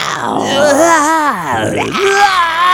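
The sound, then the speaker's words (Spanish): A voice mimics a dinosaur with a drawn-out, wavering growling roar that swoops up and down in pitch, loud and continuous for a few seconds, breaking into rough groan-like sweeps. “Ya saben, solamente tienen que marcar y hacer su gritito, su ruido de dinosaurio.”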